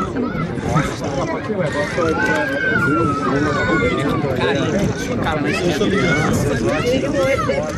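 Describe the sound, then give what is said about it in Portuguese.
Dense crowd hubbub of fans attending a Brazil team training session, with many overlapping voices chattering and calling out, a steady, lively murmur without any single voice standing clear. “Aí um treino diferente do Brasil, recebendo os torcedores, tendo o calor da torcida durante a atividade.”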